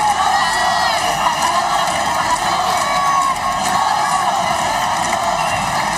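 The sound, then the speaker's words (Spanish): A large crowd of residents in Ceuta cheers and chants loudly and continuously as the Spanish king and queen leave their official car to greet them, a dense roar of many voices with occasional whoops rising above it, sustained throughout. Chants favour national sovereignty. “Un momento de júbilo y de ilusión en el que también se han pronunciado cánticos en favor de la soberanía nacional”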